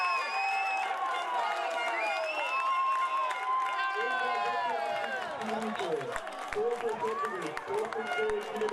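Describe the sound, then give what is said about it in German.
Schottewitz football fans roar in celebration after the goal making it 3:1 against Reppichau in a reserve cup match, a loud, dense wall of shouting and whooping voices that stays strong throughout, with scattered clapping breaking through toward the end. “Die Fans von Schottewitz explodieren förmlich vor Freude.”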